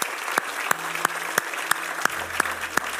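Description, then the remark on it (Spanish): An audience at a Spanish-language church service applauds in a steady wash of clapping, with sharp accented beats landing at an even rhythm about three times a second, like clapping in time. No one speaks. “Ay, denle un aplauso buenísimo.”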